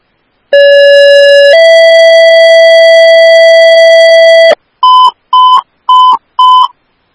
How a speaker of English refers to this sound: Oakdale Station 1, ambulance, these are your tones for the ALS sick person in Woodbury